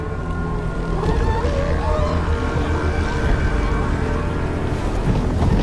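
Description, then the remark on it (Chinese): A dominant male northern elephant seal, weighing over 2 tons, on a breeding beach in California, USA, in winter, gives a loud, deep, guttural bellow that rumbles on steadily for several seconds over a constant wash of background noise, with no talking. “这只雄性北象海豹的地位最高，是这片海滩的霸主。”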